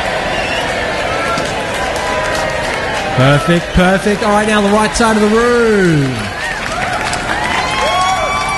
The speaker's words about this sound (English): All right, the left side of the room. Let's get a little bit of a round of applause.